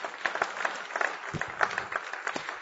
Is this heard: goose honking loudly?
no